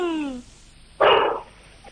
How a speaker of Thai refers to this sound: ที่บ้านอ่ะต๊อกเต็กมันเห่าแล้วจะเสือมาแล้วมั้ง ได้ยินด้วยเหรอ เสือหรือเปล่าไปดูเลย ต้องไปเห็นเสือ เออเอาเห่าไม่หยุดเลยทีนี ้โอ้ได้ยินอีกอ่ะ